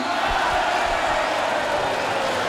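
A steady wash of applause and crowd noise from a large audience, dense and continuous for a few seconds, with indistinct voices mixed into the roar.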